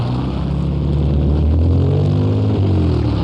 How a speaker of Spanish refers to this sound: Pasémonos la calle, pues. Cuidado, se lo lleva un carro, hombre.